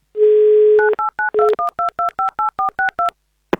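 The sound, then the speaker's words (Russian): A steady dial tone, then a rapid series of about eleven short touch-tone beeps as Avtoradio dials a listener's telephone number in the Republic of Karelia during an on-air prize game, ending with a brief click. “Ждем алло, название песни или группы.”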